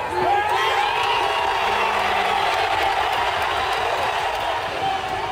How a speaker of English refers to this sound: And cheering has erupted in Manhattan as the New York Knicks made an extraordinary come-from-behind victory over the San Antonio Spurs.